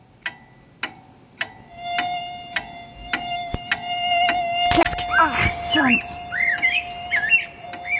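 On a typical summer night, a thin, steady mosquito whine hums on and on, preceded by a few sharp ticks of a ticking clock, while bright chirps and squawks of whistling blackbirds join over it in the second half.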